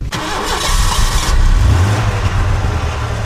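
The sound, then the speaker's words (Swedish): The engine of the Yle 100 bus, which travels the roads through Swedish-speaking Finland, turns over and settles into a loud, deep, steady idle, rumbling with no voices over it. “Yle Vegas morgon- och förmiddagssändningar går hela veckan måndag till fredag den 7 till 11 september från Yle 100-bussen som rör sig på vägarna genom Svenskfinland.”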